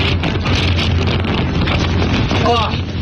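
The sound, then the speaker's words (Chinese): Strong Xinjiang gale in the Gobi wilderness of Hami's Dahaidao, where it is up to 44 degrees, roars and buffets the microphone nonstop, a loud, rumbling gusty blast filling the whole clip, with a brief voice faintly breaking through near the end. “这里的温度高达44度，虽然工作人员告知景区内会刮风，但他们并没有在意，但很快小两口就感受到了新疆大风的威力。”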